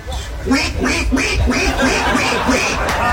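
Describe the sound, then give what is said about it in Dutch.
A person imitates a duck, producing a rapid series of about ten nasal quacks in a steady rhythm, loud, with no other talking. “Dus dit is je moment om nog even te bellen de eend. De eend kwam niet door op de radio”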